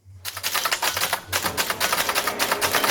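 typewriter typing

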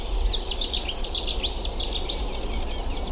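birds singing at sunrise

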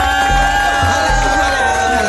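crowd cheering

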